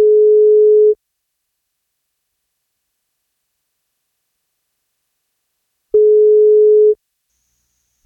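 A telephone ringback tone on an outgoing call placed by radio station 1FM: two steady, clear one-second hums separated by about five seconds of silence, with a third just beginning at the end. No one speaks.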